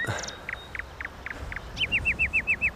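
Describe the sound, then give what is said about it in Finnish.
Gulls call in a short burst: a handful of separate squawks, then a quick, evenly spaced run of sharper, downward-slurring cries, with no one talking. “Onko noin lokkeja vai mitä?”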